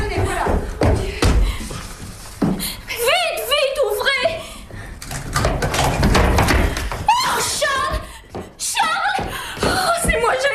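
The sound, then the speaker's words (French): Heavy thuds and bangs against a locked door as people try to force it open, repeated several times, mixed with agitated French voices calling to open it over the pounding. “La porte est fermée, il est arrivé quelque chose! Bardinier, ouvrez, voyons, ouvrez!”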